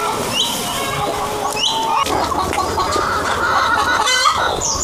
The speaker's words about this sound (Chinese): 不绝于耳的打鸣声，这些灵草鸡在欢迎我们去和他们的主人打个招呼。